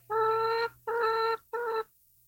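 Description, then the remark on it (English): Three loud, drawn-out calls from a Canadian chicken, each about half a second long with short pauses between, clear with no one talking. “That's a Canadian chicken.”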